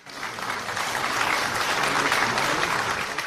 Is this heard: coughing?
no